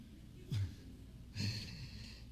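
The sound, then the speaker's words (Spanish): A person imitates heavy breathing: two loud, rasping breaths about a second apart, with quiet background and no talking. “Ahorita hasta acá se escucharon unos golpes. Así. Y esa respiración.”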